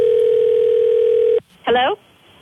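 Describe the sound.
A steady, loud telephone line tone hums for over a second before an overseas collect call to the United States, cuts off abruptly, then a brief voice is heard after a short gap.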